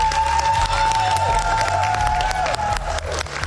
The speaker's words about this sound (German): natürlich nochmal einen ganz großen Applaus, oder?